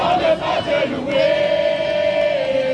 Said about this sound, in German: Ein Empfangskomitee aus Kindern und Jugendlichen singt, klatscht und jubelt, als der Papst am Flughafen von Paris-Orly landet.